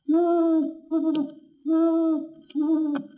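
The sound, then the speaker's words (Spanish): An owl that has flown in and perched on a branch hoots four times in two pairs, each call a long, steady, loud tone with brief pauses between, with faint clicking sounds near the end of each pair. “En cuanto Conejo partió, llegó volando el señor Búho y se posó en una rama frente a Pu.”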